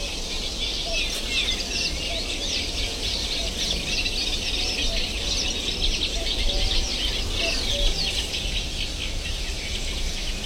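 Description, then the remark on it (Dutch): A sedge warbler's rapid, scratchy song chatters continuously like a dot-matrix printer, set against a dense reedbed chorus of other birds, mostly reed warblers, and insects, with no talking. “De rietzanger. Goed te horen hier. Het is een beetje dat matrixprinterachtig geluidje.”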